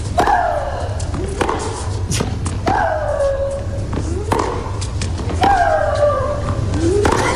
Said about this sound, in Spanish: esos gritos de María Sharapova, y es porque acompaña el golpe la exhalación